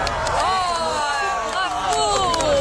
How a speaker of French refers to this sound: Oui, on peut applaudir une éclipse. C'était en 1999, éclipse totale de soleil. C'était l'événement.